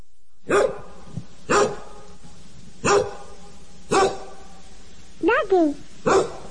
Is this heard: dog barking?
yes